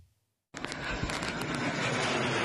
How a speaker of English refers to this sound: They sound like jets, but explode like missiles. Jet-powered drones are Russia's new weapon of choice against Ukrainian cities. They are fast and fly at high altitudes.